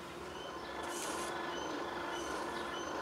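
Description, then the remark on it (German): A train rumbles past near a railway station by hemp fields in the Börde near Magdeburg, Germany, with a steady low roar, faint metallic whines and a brief high screech of wheels partway through. No voices. “Der Bahnhof ist auch nicht weit, ne?”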